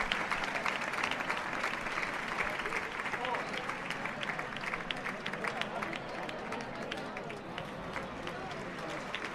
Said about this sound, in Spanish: Ahí recoge el maestro Morante de la Puebla la ovación del público. El maestro que se dirige hacia el centro del ruedo para recoger esa ovación.